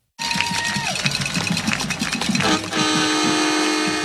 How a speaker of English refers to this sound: And the Canton Eagles take the field as you hear the horn and the crowd going wild for the Canton Eagles.